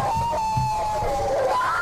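Sustained, wavering screams from a few people, workers in a bakery, ring out over a dense, muffled background din, continuing without a break through the short moment, with no clear speech.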